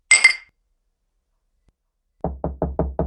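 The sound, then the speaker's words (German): A single bright, ringing clink of glasses raised in a toast at the start, then a pause and five rapid, evenly spaced dull knocks. No one speaks. “Lass uns anstoßen.”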